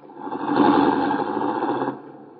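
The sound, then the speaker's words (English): A car engine runs as the car is driven up to the front of a house, with a steady, throaty rumble that swells in the first half second, holds evenly, then its higher whine drops away near the end as it settles. “I'll leave the car in front of the house, Mr.”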